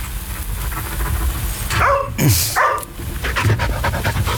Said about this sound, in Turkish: Onun benim yatağım olduğunu bu köpeğe nasıl öğreteceğim ben?